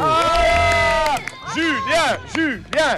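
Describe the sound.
A group of children at a school clap and cheer after a challenge is completed, steady applause mixed with high, excited voices whose shouts rise and fall in pitch for about three seconds.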